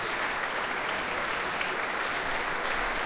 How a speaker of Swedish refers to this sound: Och så här då Camille Saint-Saëns tredje symfoni. Det blir en runda till för Emilia Hoving som nu tar sig upp på dirigentpulten och i samma steg reser på orkestern ytterligare en gång för att ta emot publikens jubel här i Berwaldhallen i Stockholm.